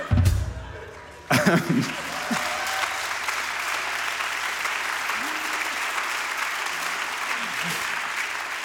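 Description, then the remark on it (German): An audience at a live radio recording breaks into steady applause, a dense wash of clapping that starts after a brief bump of noise and continues at an even level to the end, with faint voices underneath. “Ja, ein kurzer Applaus für das Medium Radio, sehr schön.”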